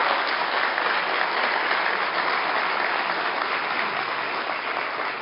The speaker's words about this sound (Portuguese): Mais uma vez, uma salva de palmas para o nosso delegado